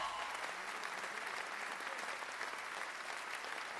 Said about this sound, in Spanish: aplauso para la …. Muchas gracias.